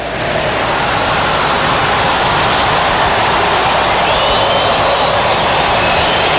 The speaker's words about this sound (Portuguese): Dá pra gente ouvir de fundo a torcida, Bruno, do Palmeiras cantando. Escuta aí, ó, no Mangueirão.